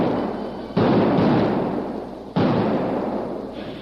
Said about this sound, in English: Then a series of explosions rent the air.